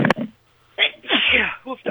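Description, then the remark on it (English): A single loud sneeze on a radio broadcast from a person weighing out summer sausage seasoning: a quick sharp intake followed by a forceful, breathy burst, framed by brief vocal sounds just before and after. “Oh, I'm going to sneeze again.”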